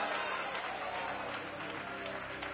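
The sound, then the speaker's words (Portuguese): An audience at a religious service claps steadily together with cheerful applause to welcome a preacher, a dense, continuous wash of applause at an even loudness, with faint voices mixed in beneath it. “Vamos receber o servo de Deus com palmas bem alegres para Jesus!”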